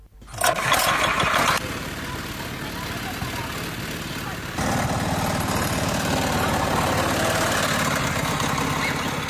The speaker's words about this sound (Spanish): Esto es un auto heladera hecho por nosotros, que acá le pusimos motor hace poco, pusimos este motor.